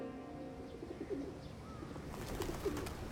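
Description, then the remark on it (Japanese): A pigeon that has just come up coos outdoors in a few soft, low, rolling calls, over a steady background of breezy ambient noise with no talking. “今鳩が来たやろ、 うん、 こういうさ、やっぱ外でやる良さってさ、風吹いたりさ、鳩来たりを私には止めようがないっちゅうことやね、”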